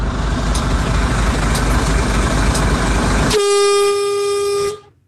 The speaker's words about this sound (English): But the other thing is, on the subject of horns, we've got lots of people sending us their horn from the truck. So you know this first one's going to be good.